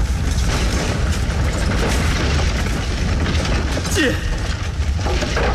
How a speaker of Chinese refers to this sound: 然而他还没跑出多远，就听见怡春院的方向响起了阵阵枪声，接着便窜起了一片大火。